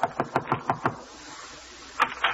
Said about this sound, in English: So now, with his laundry under her arm, she's knocking at the door.